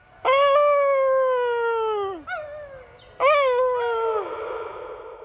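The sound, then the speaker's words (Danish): A person imitates a wolf howl: two long, wavering howls with a brief catch of breath between them. The voice is loud, and the second howl breaks off rougher. “Men jeg må give mig hen, og alligevel lykkedes det mig at få fremprovokeret et form for ulvehyl.”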